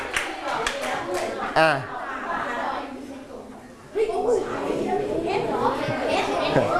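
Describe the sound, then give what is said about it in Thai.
A group of children clapping together for a classmate who correctly answered Nan province, a dense patter of many small hands mixed with chattering voices, with a brief lull before the clapping and talk swell again. “จังหวัดน่านถูกต้องปรบมือให้เพื่อนนะครับ”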